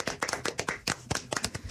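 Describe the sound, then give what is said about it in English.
A round of applause: quick, sharp hand claps in an irregular, steady patter that keeps going for the whole moment, bright and fairly loud, with no voices over them. “Round of applause, guys.”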